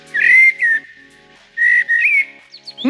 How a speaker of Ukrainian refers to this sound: Ні, це не соловей. Ти що, не впізнав чорного дрозда? Чорний дріст, він став безперечним лідером рейтингу.